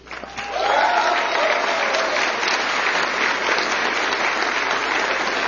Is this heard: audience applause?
yes